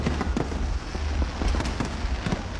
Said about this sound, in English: Queenslanders packed the banks of the Brisbane River last night, gathering for the annual fireworks fiesta.